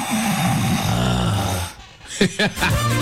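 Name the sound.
person snoring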